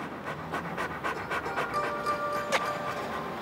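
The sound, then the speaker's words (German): A dog pants rapidly and steadily, a rhythmic run of short breathy huffs with no one speaking, plus a brief faint whine-like tone near the end. “Wenn ich den Hund noch mal ohne Maulkorb rumrennen sehe, dann wird er ausgewiesen.”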